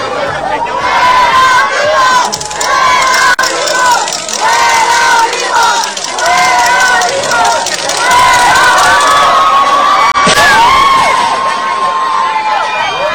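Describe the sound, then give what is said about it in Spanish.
A dense crowd of IMSS workers shouts and yells continuously as they force their way into the union building, breaking chains and padlocks and knocking down the door to demand the union secretary general's resignation. Many voices overlap in loud, rising chants and cries with no pause. “trabajadores del IMSS dieron portazo en el sindicato, rompieron cadenas y candados de las rejas del edificio, derribaron la puerta”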